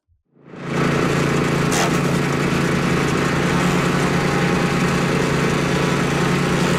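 A wood chipper, brought as a prop by the opposition at the close of the Saskatchewan legislature's spring sitting, starts up and settles into a loud, steady mechanical roar with a constant low hum, continuing without a break and with no voices.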